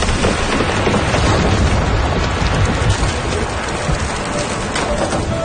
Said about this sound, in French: La petite pluie des derniers jours était devenue torrentielle pendant la nuit. La rivière est sortie de son lit.